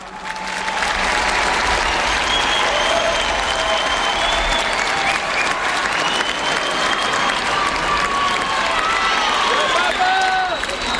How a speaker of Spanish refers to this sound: Viva el Papa, escuchamos, ¿no? Aplauso sí, también.